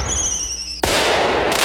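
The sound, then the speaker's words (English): A firework whistles with high, thin tones, then bursts into a loud boom that roars and crackles out to the end. No voices. “Red, white, and boom!”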